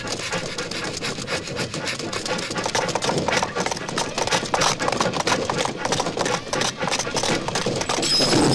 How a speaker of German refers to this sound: der entgleiste Zug rast durch den Sand weiter.